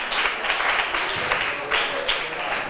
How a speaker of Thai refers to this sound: ขอบคุณกลุ่มที่4ปรบมือให้เพื่อนหน่อยค่ะ